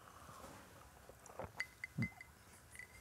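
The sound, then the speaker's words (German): A few light glass clinks ring out in quick succession as glasses are raised in a toast, short bright pings with a faint lingering tone, quiet, with a soft thump among them and no talking. “Da vermisst man wahrscheinlich gar keinen Alkohol, Mama, ne? Komm. Mhm. Prost.”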